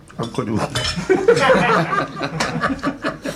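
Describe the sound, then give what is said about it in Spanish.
Ice cubes clink against drinking glasses in quick, scattered taps as someone takes all the ice cubes out of the glasses, making a mess with some napkins, mixed with overlapping voices and a bit of chuckling. “tiene una liada, chico, ahí con cuatro servilletas. Ha cogido todos los hielos de los vasos.”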